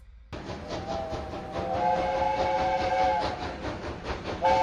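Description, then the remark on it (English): A steam locomotive whistle sounds loudly and steadily for a few seconds over the dense hiss and rumble of a passing train on the North Yorkshire Moors Railway, Britain, during its annual steam gala, then briefly sounds again at the end. No one speaks. “At their annual steam gala, Britain's locomotive history is commemorated.”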